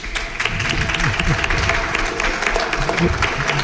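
An audience applauds steadily for a pupil from the Jesuitinas school, a dense wash of many hands clapping at an even loudness for several seconds, with faint murmuring voices mixed underneath.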